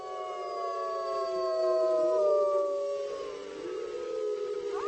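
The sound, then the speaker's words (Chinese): Several wolves of a pack howl together in a chorus to communicate, their long, wavering tones overlapping and gliding up and down, sustained throughout at a steady, moderate loudness with no voices. “狼通过嚎叫来交流，大部分时候都结群生活，群体成员经常一起嚎叫，似乎在说我们是一个群体，我们在这里。”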